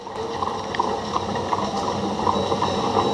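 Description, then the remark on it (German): Leipzig's horse-drawn tram, the city's first tram, pulled by two horses, rolls along its rails with a steady, dense rumble and rattle, faint rhythmic clicks and knocks scattered through the noise, continuous throughout. “Das war damals die Leipziger Pferdestraßenbahn, also Straßenbahn gezogen von 2 PS.”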